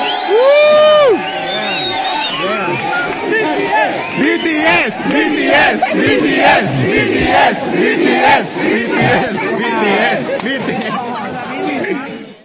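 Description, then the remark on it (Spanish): A large crowd of Mexican fans shouts and chants loudly in unison at young Korean tourists passing by, voices overlapping in a continuous rowdy roar with whoops and rising yells, energetic throughout. “El caso es que iban pasando unos jóvenes coreanos, X güeyes que venían de turistas y que estarán, supongo, el jueves en el partido, cuando los mexicanos les gritan esto.”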